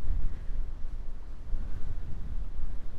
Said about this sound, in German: Jetzt ist sehr windig, aber so schön.